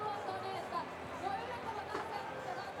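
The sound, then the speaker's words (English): A crowd cheers in support of a driver on a course with turns and a chicane, a steady wash of many overlapping voices and chatter that swells briefly toward the end, with no single voice standing out. “Bit of support from the crowd.”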